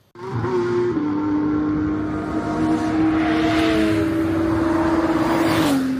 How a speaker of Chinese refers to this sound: 2025年10月19日，北京亦庄突鸣湖畔引擎轰鸣。2025年 GT 世界挑战赛亚洲杯年度收官战落下帷幕。